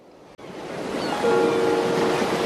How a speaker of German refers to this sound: Marina hält eine Videokamera in der Hand und richtet die Linse auf das rauschende Meer